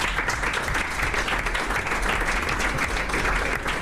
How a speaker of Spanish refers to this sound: Les damos un aplauso a ellos y a ellas.